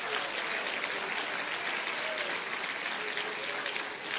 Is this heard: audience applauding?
yes